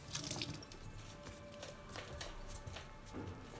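Water is poured for a drink in a steady, gurgling trickle for a few seconds, with small splashing drips throughout. It's fairly soft, with no voices.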